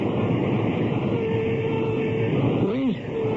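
A steady, loud rumble of a train rolling along rails, with a continuous low roar and faint metallic squeals rising and falling near the end, no voices present.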